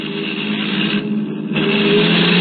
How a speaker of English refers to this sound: Oh, maybe he's signaling he wants to pass. Let him. Oh, that's it. He's blowing his horn.